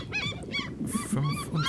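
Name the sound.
people imitating screeching seagulls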